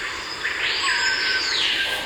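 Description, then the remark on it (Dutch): A loud, ringing bird whistle that sweeps upward and holds a piercing note, the call of a screaming piha, known in Suriname as the forest police, rising over a steady hum of insects in a forest in Suriname. “Die ken ik. De bospolitie. De bospolitie. De sirene.”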